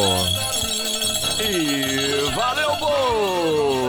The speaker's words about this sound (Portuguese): Olha o meu chocalho aqui, ó! Ó o meu chocalho aqui! Eu quero ouvir os sininhos da felicidade daí, tá bom?